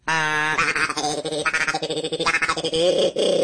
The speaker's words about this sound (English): It's like a duck calls.